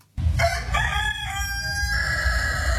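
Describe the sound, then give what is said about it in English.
A prize-winning show rooster, black with white spots, bred for showing near Wagga Wagga, crows once, loud, a long strained cock-a-doodle-doo held for over two seconds over a steady low rumble of background noise. “Looking at that beautiful bird that you just got out and showed me, describe the feathers for me, because they weren't just black, particularly around its neck and on its wings.”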